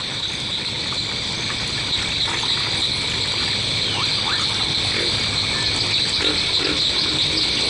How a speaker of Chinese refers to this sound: 哎呦，这有个蛙， 我看看。 哎，我们录一下这个叫声，来来来。